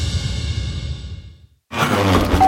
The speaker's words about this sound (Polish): co ty tak sapiesz? Niespodzianka.